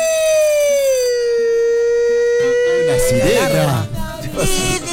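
A loud, steady siren wail holds a bright, buzzy tone that slowly sinks in pitch for several seconds, then cuts out as a jumble of clattering noise and commotion takes over.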